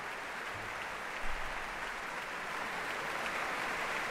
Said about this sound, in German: Großen Beifall gibt es hier in der Elbphilharmonie.